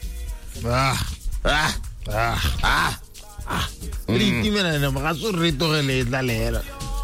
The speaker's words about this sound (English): In the background, dog.